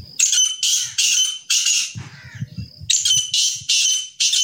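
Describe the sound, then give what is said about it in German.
Grey partridges, bred in the municipality of Mojmirovce near Nitra, Slovakia, give loud, harsh, rasping calls, a series of grating bursts repeating in quick succession, with a brief low rustling or fluttering in a short pause. “In der Gemeinde Mojmirovce in der Nähe von Nitra werden aber außerdem auch noch Rebhühner gezüchtet.”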